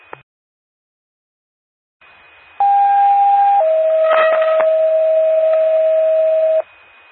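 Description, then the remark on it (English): A two-tone dispatch pager alert for an ambulance call cancellation in Gillespie, McKinney County: a loud steady tone holds for about a second, then drops to a slightly lower tone that sustains for roughly three seconds over faint radio hiss. “10-4, can you send out a cancellation page?”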